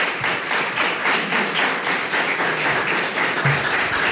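An audience applauds steadily, many hands clapping in a dense, continuous wash that stays loud and even throughout, with no voices standing out.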